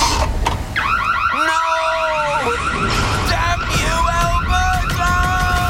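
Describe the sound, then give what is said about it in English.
A loud electronic alarm from an Alberta home security system wails continuously, its pitch sweeping and warbling in repeating patterns with sharp tonal chirps, sounding throughout over a constant noisy background. “The police have reported a significant decrease in break-ins this week, and Smooth Sam seems to have met his match, an Alberta home security system.”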